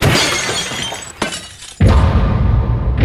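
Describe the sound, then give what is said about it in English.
A piece of glass breaks loudly: a sharp crack, a brief lull, then a bright, sustained crash of breaking pieces that rings on for over a second, with no voices. “That was a piece of glass that was given to me. How can you break it?”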